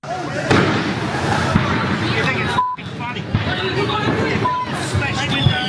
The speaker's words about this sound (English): For one night every year there, fireworks are legal and all hell breaks loose, as the ABC's Nick Grimm reports.